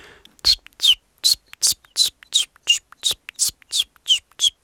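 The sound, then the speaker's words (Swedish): A person imitates a chiffchaff's song: about a dozen breathy, high-pitched chip notes at a steady, even rhythm, each slightly whistled, with no other sound around them. “Jag har varit i Göteborg nyligen och där sjöng bland annat gransångare som är ganska sentida invandrare i södra Sverige.”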